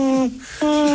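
A little owl hoots twice, loud: two steady, hollow tonal notes separated by a brief pause, with no voices over them.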